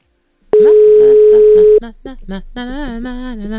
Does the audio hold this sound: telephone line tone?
yes